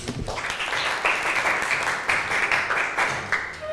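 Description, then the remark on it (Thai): A group of students in a class claps for a classmate at the teacher's request, a dense, steady patter of many hands filling the whole stretch at an even, moderately loud level with no voices over it. “ขอบคุณค่ะปรบมือให้เพื่อนหน่อยค่ะ”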